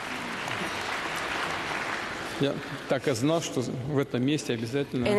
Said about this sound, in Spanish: Estaba esperando un aplauso de la sala diciendo esas palabras.